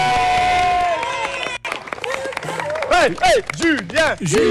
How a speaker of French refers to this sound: Allez, on applaudit tout le monde. Allez, on applaudit les enfants.